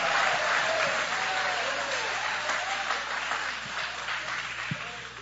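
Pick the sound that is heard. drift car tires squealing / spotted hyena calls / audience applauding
audience applauding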